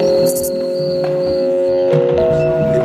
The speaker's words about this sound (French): Des nuages de son qui ressemblent à des nuages de son de moustiques, de grillons.